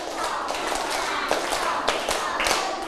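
Sharp hand claps land in a loose rhythmic pattern, roughly seven or eight beats spread over a few seconds, moderately loud against a steady background hiss. Children clap one counted set while counting numbers, following a teacher's clapping instructions.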